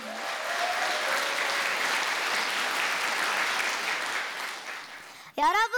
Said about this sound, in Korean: 유연하면서도 역동적인 무대를 잘 표현해준 수원 태견 전수관 친구들에게 다시 한번 큰 박수 부탁드립니다.